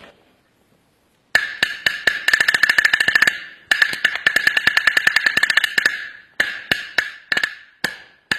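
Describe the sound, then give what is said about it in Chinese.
A small Chinese single-skin drum (banggu) with a pigskin head on a small wooden shell is struck with drumsticks in fast, sharp, high-pitched cracks, building to a rapid roll, pausing, rolling again, then slowing into a few separate hits. No one speaks. “我们来听听这个单皮鼓的音色。”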